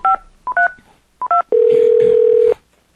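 Five short two-tone keypad beeps of a phone being dialed, spaced unevenly, followed by a loud, steady single tone held for about a second before it cuts off. No one speaks.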